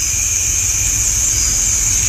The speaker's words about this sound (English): You hear some of the katydids starting to warm up for the evening. We'll talk more about katydids coming up in just a moment.